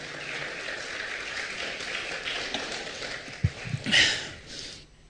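An audience claps steadily for about five seconds, a dense crackling wash of many hands, with a few sharper claps and a brief swell near the end before it quickly dies away.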